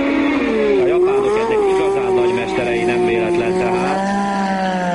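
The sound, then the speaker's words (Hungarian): Formula 1 race car engines at the first Hungarian Formula 1 race roar loudly and continuously, their high whining pitch dipping and climbing as the cars accelerate and shift, with a steady drone throughout. “Most pedig egy újabb részlet az első Forma 1-es magyar futamról”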